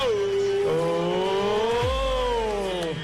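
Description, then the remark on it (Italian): A Royal Enfield 500 motorcycle, customized by G-Design into a bouquet of flowers on two wheels, revs loudly and steadily, its throaty tone climbing and easing back in pitch over a few seconds, with a brief low rumble near the end and no voices. “una Royal Enfield 500 trasformata in un mazzo di fiori su due ruote.”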